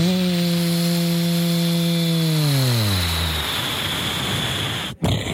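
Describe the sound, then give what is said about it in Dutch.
A voice imitates an airplane with a steady, buzzing hum held for a few seconds, then sliding downward in pitch and fading into a rough, breathy rumble. No words are spoken. “Nog één keer een vliegtuiggeluid dan.”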